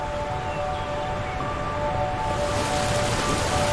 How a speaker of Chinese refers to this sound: 比如你在大洋彼岸听到水声，你的感觉和这儿的水声一样吗？